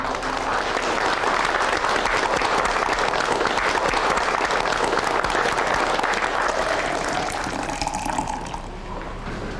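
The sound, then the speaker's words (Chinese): A dense, steady burst of audience applause, many hands clapping together loudly for about eight seconds before thinning out and fading at the end. “让我们为曹公这种大公无私的精神鼓掌。”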